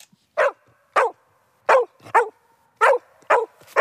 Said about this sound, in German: Lilly ist ein typischer Hütehund und beim Losgehen bellt sie aufgeregt, um die Herde anzutreiben